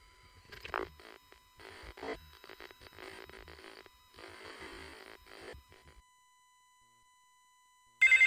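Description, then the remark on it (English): Muffled, crackly bursts of noise give way to a few seconds of near silence, then a loud, shrill telephone ring bursts in abruptly at the very end. “My phone doesn't seem to be working. Hello? Doesn't seem to be answering.”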